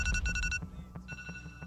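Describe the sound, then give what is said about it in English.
An electronic alarm beeps in rapid, shrill pulses, loud for the first half second, then continuing more faintly over a low, droning background rumble. “An alarm.”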